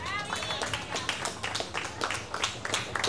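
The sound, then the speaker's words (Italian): A burst of audience applause, dense overlapping claps filling the space steadily for a few seconds, moderately loud, with a brief high whistle-like tone near the start. “Per dimenticare, un grande applauso!”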